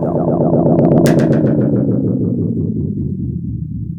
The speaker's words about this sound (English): So, these are the crazy dubs. Always dubbing. With life tape echoes